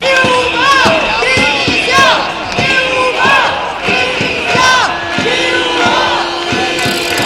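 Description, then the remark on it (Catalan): A loud protest crowd marching down Via Laietana to Plaça Sant Jaume at the Palau de la Generalitat chants education slogans such as "menys policia, més educació" in unison, many voices shouting in a steady, repeated rhythm of short bursts, with a sustained tone underneath toward the end. “Al llarg del recorregut s'hi han sentit crits com menys policia, més educació, lluitant, també estem educant, i també això.”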